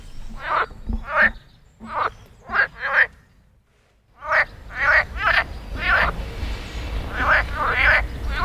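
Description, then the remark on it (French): A chorus of frogs croaking in repeated, raspy pulses in the spring mating season, several calls overlapping in quick bursts with a brief lull in the middle, loud against a low outdoor rumble. “Au printemps, les grenouilles se réveillent. C'est la saison des amours.”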